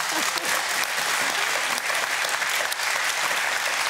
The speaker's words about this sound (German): Der Applaus geht nach Goslar.